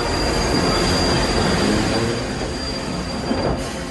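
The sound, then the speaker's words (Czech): A steam train rumbles past while its brakes grind and a thin, steady metallic squeal of the wheels rings over the heavy, continuous roar for several seconds, as the train brakes to stop after being signalled to halt. “Strojvůdce asi znamení spozorovala hned, protože skoro v zápětí se ozvala parní píštěla a hned potom zaskřípěly brzdy a strhnutím kol se vlak přehnal kolem nás.”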